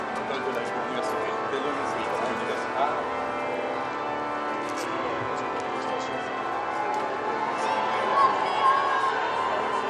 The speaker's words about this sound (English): You can hear the cheers and welcome coming from the Institute as Pope Leo has arrived outside of the entrance to the Institute of Paris.